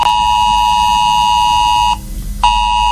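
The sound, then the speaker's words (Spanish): A loud, harsh mobile phone emergency alert tone from a scheduled mid-morning drill of the S-Alert system in Quer, Guadalajara, Spain, blares steadily for about two seconds, cuts out briefly, then starts again, its buzzy pitch unchanging throughout. “Si vives en Quer, en Guadalajara o cerca, debes saber que en tu teléfono móvil sonará a media mañana esto.”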